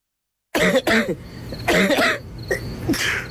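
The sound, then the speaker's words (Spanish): A person coughs repeatedly, a series of about five harsh, chesty coughs, coming in clustered bursts after a brief moment of silence, with no talking. “Uno sabe reconocer cuando algo no anda bien con tu salud o la de tu familia, porque los síntomas no mienten. Tos, flema, fiebre, decaimiento.”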